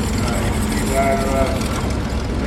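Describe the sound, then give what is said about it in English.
A spark-ignition engine runs steadily, a dense, rumbling drone with a rough, throbbing low end that holds a constant loudness for the whole few seconds. “One of our spark engines.”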